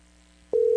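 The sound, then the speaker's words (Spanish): A telephone line tone on a radio show, as a listener's call comes in, switches on abruptly partway through, a steady, loud mid-pitched hum held without a break after a quiet, faintly humming lead-in. Nobody speaks. “Bueno, esto me suena por acá, es como el timbre.”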